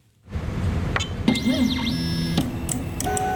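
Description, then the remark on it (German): A 3D printer at work in a laboratory of the Fraunhofer Institute for Applied Polymer Research (IAP) in Potsdam, printing with petroleum-based plastic filament: its stepper motors whine in rising and falling glides over a steady mechanical hum, with a few sharp clicks and clinks. No one speaks. “Dieser 3D-Drucker arbeitet in Potsdam in einem Labor des IAP Fraunhofer Institutes.”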